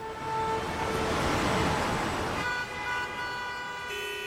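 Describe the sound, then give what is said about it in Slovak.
A steady wash of distant road traffic, a low continuous rumble with faint, drawn-out horn-like tones drifting over it. No one speaks. “Doprava, ale tak vzdialená.”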